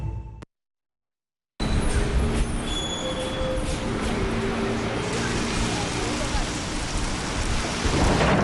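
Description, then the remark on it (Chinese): Heavy rain pours down steadily, a dense continuous hiss with a low rumbling undertone, starting abruptly after a brief silence and holding at the same strong level throughout. “快点儿，下雨了，咱们打车吧。”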